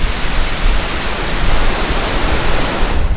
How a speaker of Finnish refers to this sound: Hieman on sadetta ilmassa nyt, kun tätä aamupäivällä haastattelua tehdään täällä Tourujoen rannalla. Komea kohina käy tuolla taustalla. Toivottavasti se kuuluu myöskin sinne vastaanottimien ääreen. Käännetään hetkeksi mikkiä vielä kohti tuota jokea.